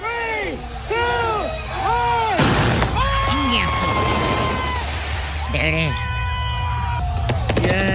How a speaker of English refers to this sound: At a Tekashi party, you never know. They were cohetes. They were like, well, there was a whole show. You know, obviously, they had like the cannons blowing out the color.